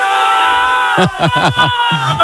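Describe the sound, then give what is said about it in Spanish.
A loud crowd of CD Eldense football fans filling the pitch in Elda, celebrating the club's promotion: a steady roar of cheering voices that breaks into a rhythmic chant of four or five sharp, rising-and-falling shouts. “La celebración del Eldense, está el césped completamente lleno de aficionados, hay un cordón policial muy fuerte de policías, unos gritos animando al Eldense.”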